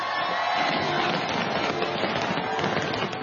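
A dense, continuous wash of crackling fireworks bursts fills the air, steady and fairly loud throughout, with a crowd's murmur blended underneath. It is Hong Kong's National Day fireworks display at 8 pm over Victoria Harbour, with over 30,000 fireworks, watched by crowds of residents and tourists on the Tsim Sha Tsui waterfront.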